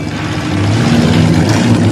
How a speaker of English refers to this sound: Meanwhile, Ferris drives his friends down a busy city street. He pulls into a parking garage and stops the car.